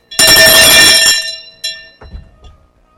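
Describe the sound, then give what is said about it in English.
A bright metallic bell, rung to celebrate musician Bogos Ikwe's 84th birthday, rings loudly with a strong clang and shimmering harmonics, then a second softer strike follows, with a couple of dull knocks as the ringing fades. “Bogos Ikwe, this bell you heard now is to celebrate you 84.”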